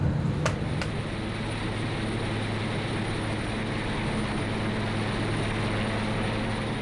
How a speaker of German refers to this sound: Unterdessen machen sich die sogenannten Lascher bereit, die den Heli gleich festmachen.